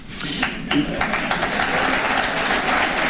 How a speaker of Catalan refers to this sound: Aplaudiments per a un Florentino Pérez orgullós del resultat que qualifica d'extraordinari.